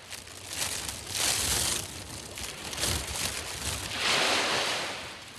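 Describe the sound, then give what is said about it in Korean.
Strong wind blows in loud, roaring gusts that surge and ease in broad waves, with a rough, rushing hiss across the whole range and no voices. “저 멀리서 영혼이 실려오듯 바람이 세차게 붑니다.”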